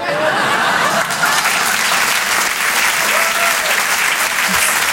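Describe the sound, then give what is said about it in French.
Loud, sustained applause from a large audience for Anaël Chabi on Rire et Chanson, a dense steady clatter of clapping hands filling the whole stretch, with faint laughter mixed in. “Vous pouvez l'applaudir très fort.”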